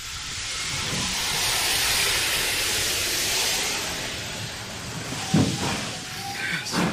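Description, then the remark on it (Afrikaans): A coal-fired steam engine, its firebox full of burning coal, lets out a loud, steady hiss of steam that swells and lingers, with a few clanking knocks near the end as it gets under way at full steam. “Vol stoom vorentoe.”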